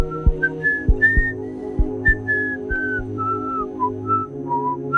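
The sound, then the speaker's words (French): Someone whistles a light, meandering melody while leaving, the notes gliding and shifting in pitch, over a soft background of low sustained tones and occasional gentle thumps. “Il est allé replacer le cœur de Kim au bon endroit dans sa poitrine, puis il est parti en sifflotant.”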